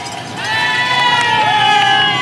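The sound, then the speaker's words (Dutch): A large roadside crowd cheering at a cycling race, heard from a motorbike riding through it just past bend 20, behind the group with Remco Evenepoel; a dense, loud wall of shouts and sustained yells that swells after the first half-second and holds steady throughout. “Een zee van mensen waar wij doorrijden.”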